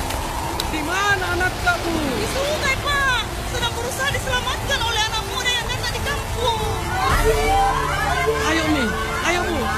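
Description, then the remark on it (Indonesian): Steady, dense hiss of heavy rain pouring throughout, loud, with a crowd of overlapping voices chattering and calling over it. “Biasanya jika hujan deras seperti ini akan terjadi banjir, Bu.”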